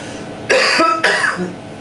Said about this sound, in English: Let's try the coughs again. Bigger cough.